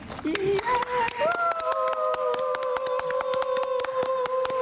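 A small group claps steadily and briskly for several seconds, the sharp claps coming in a quick, even rhythm, while a sustained whistle-like tone rises and then holds over the applause.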